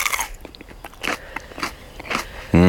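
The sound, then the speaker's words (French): Someone bites into a crisp, fresh, sweet and mild chili pepper, a burst of sharp crunches and chewing crackles, then a voice starts speaking right at the end. “Bien sûr qu'on peut en croquer, évidemment.”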